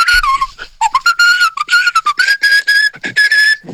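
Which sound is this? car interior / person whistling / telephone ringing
person whistling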